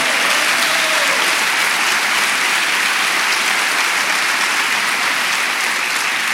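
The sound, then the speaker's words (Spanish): An audience at a church service applauds steadily, a dense, continuous wash of many hands clapping, loud and sustained throughout with no voices standing out. “Vamos, si quiere aplaudir, aplauda con...”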